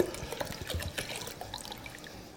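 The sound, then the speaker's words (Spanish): Bottled water poured from a bottle into a pot, a steady splashing stream with small gurgles and drips, lasting a couple of seconds with no one talking. “Vamos a ponerle agua, agua de botella.”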